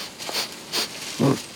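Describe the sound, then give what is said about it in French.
A koala sniffs a eucalyptus leaf: two quick, airy sniffs followed by a lower, snorting exhale, fairly quiet, with no voices. “Il repère une nouvelle feuille, la renifle.”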